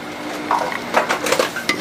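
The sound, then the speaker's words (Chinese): A metal utensil scrapes and clinks against a wok as a braised dish of pig's trotters with oysters and lotus root is stirred and scooped out, with a faint sizzle underneath and several sharp scraping strokes at an uneven rhythm. “哦，可以出锅了， 生蚝焖猪脚焖莲藕，香喷喷的一道菜，出锅了。”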